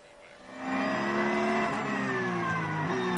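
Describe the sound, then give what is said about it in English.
Race car engines droning steadily as the cars near the end of their formation lap before the LS8 race, a sustained mid-pitched roar with smooth harmonic bands that rise and fall slightly; the sound swells in after a quiet start and holds loud. “The cars are almost at the end of their formation lap.”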